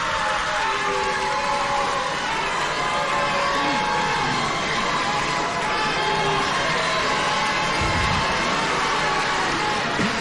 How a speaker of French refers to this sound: C'est les applaudissements du public.